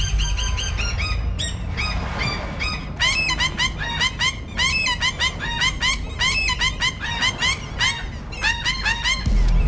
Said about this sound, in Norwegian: Ja, om du ikke hørte det, så var det altså lyden av en måse som vi har tvinget til å prøve å synge på en poplåt.